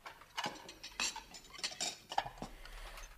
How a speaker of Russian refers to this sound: Что касается меня, то ты можешь мыть посуду хоть всю свою жизнь.